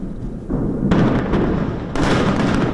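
Massive explosions demolishing an underground tunnel network built by Hezbollah in southern Lebanon roar in succession, a deep rumble swelling into two loud, crackling blasts that thunder on without pause, heavy, with no voices present. The blasts were so huge they caused an earthquake in Yemen.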